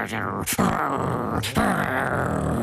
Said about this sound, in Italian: E Cerbero ringhiava con le sue tre teste.